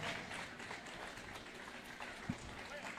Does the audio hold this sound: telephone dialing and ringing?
no